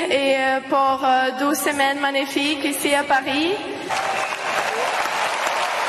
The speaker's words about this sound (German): Und das Publikum zu Applaus.